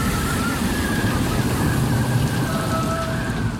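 A loud, unbroken roar of a stormy sea, dense rushing water and wind noise with a deep rumble underneath and a faint whistling tone drifting through, no voices.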